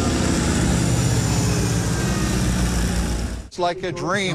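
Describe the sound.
A flyable replica of the Vecihi 14, the 1930 plane built by Vecihi Hürkuş and considered Turkey's first certified aircraft, drones loudly and steadily in flight with a low, pulsing propeller-engine rumble for about three seconds, then cuts away as a person begins speaking.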